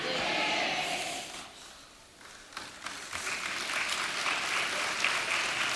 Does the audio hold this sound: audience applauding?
yes